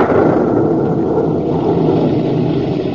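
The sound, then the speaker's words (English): A steady, heavy low rumble of thunder rolls on without break, loud and dense in the low end, with no voices over it. “The rumble you hear is not of the volcano. It is thunder.”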